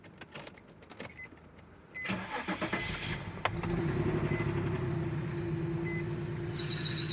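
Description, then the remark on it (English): A car engine cranks with a rough, stuttering churn, then catches into a steady droning idle topped by a thin, odd whine, fairly loud with no voices. “Bro, I don't think your car's supposed to make that noise.”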